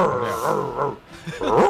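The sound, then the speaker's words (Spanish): A radio listener voices an angry monkey: harsh, strained, wavering howls and screeches in two bursts with a short gap between, loud. “Mono cabreado.”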